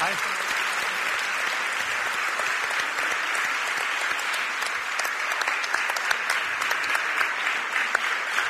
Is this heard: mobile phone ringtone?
no